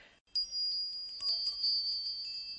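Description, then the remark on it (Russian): Small Valdai harness bells ring out with a bright, high, sustained tone, struck once and then jostled again midway, fairly loud with nothing else around them. “Валдайские колокольцы. Да-да, колокольцы.”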